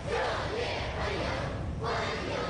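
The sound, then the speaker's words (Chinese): A large crowd of young voices chants welcoming cheers in unison, loud, with rhythmic rising-and-falling shouted phrases filling the whole stretch, chanting "Welcome, welcome, warm welcome" to greet medal recipients outside the north gate of the Great Hall of the People. “欢迎欢迎，热烈欢迎！欢迎欢迎，向你 青少年热情欢呼致意。”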